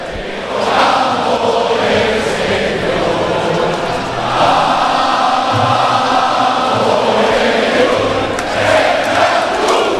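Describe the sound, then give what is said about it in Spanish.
A huge stadium crowd in the stands of Castalia roars and applauds the Club Deportivo Castellón players steadily while the Club Deportivo Castellón anthem rings out, the dense wall of sound swelling in after a brief quieter start and holding loud throughout. “Ahí está el himno del Club Deportivo Castellón, el aplauso de la grada de Castalia a los jugadores albinegros.”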